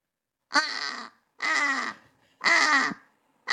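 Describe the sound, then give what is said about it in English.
A human voice imitates a British crow with three loud, harsh, drawn-out caws at an even pace, each about half a second long, followed by the start of a fourth. “Okay, let's hear the British crow then.”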